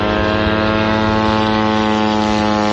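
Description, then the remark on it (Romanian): A loud, steady propeller-engine drone of an attack drone flying overhead, its harsh buzzing hum holding constant throughout with no voices. “Drone, короче, летят.”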